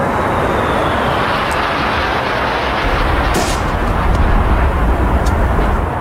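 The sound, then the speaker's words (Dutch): A dense, steady roar of aircraft passing overhead in a flypast tribute at the funeral of King Harald, as the coffin is taken to Akershus Fortress, broad and rumbling, growing slightly louder and deeper in the second half, with a few sharp bursts cutting through the wash of noise. “Dat is nog een eerbetoon. Flypast.”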